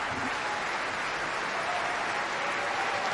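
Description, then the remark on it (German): A large audience at the Staatsoper applauds a performance of Verdi's opera Nabucco during Staatsoper für alle, the cheers chiefly for the Staatsopernchor; a dense, continuous wash of clapping at an even level throughout, with no breaks or individual voices standing out. “Großer Applaus also heute hier für Nabucco bei Staatsoper für alle.”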